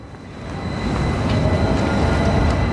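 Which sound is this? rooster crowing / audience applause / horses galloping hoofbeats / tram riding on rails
tram riding on rails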